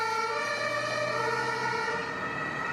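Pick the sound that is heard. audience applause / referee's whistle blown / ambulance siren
ambulance siren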